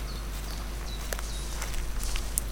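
Footsteps crunch steadily along a trodden forest path, with faint birdsong and a low outdoor rumble in the background.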